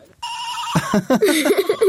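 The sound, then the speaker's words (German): A very small plush toy sheep named Schafi bleats with a buzzy, electronic tone: a steady high note that breaks into a rapid, wobbling warble, fairly loud and continuous for about two seconds, with no talking. “so ein wirklich sehr kleines Kuscheltierschaf in der Hand, das wahrscheinlich mal klang wie ein echtes kleines liebes Schaf, aber mittlerweile finde ich klingt es wie ein erkältetes Raumschiff.”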